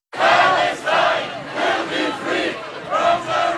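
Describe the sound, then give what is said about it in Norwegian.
A loud crowd of protesters clashing with police in Geneva, Switzerland, where police answered with tear gas, shouts and roars in continuous, overlapping waves, voices rising and falling in a tense, chaotic clamor with no single speaker standing out. “Det som startet som en fredelig markering endte i sammenstøt med politiet.”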